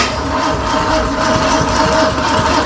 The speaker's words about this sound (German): Zum Beispiel, das ist ein voll funktionsfähiger Motor.